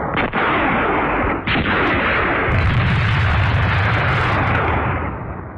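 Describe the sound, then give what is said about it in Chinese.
A loud, dense barrage of gunshots, with a couple of sharp cracks early on, then sustained rapid firing that rumbles on like a battle before easing slightly at the end. “枪声把他惊醒了”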